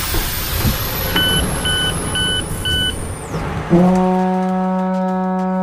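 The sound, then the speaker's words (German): A Deutsche Bahn train arrives at Munich main station (München Hauptbahnhof), rumbling in with a thin high whine that slides downward; four short evenly spaced beeps sound, then a loud, steady, low horn blast holds to the end. “jetzt sind wir angekommen auf unserer Radio Köln-Rundfahrt mit dem Zug, mit der Deutschen Bahn in München”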